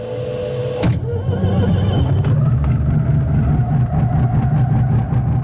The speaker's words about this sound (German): Wir machen die Tube zu und starten den Motor.